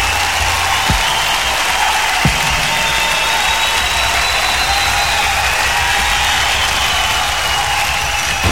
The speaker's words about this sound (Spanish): Los sonidos se detienen y el último aplauso inunda el ambiente. Esto fue Arena Ritoque, una hora de música en vivo por Ritoque FM.